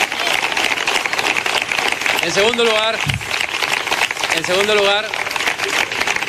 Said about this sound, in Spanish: Vamos a aplaudir.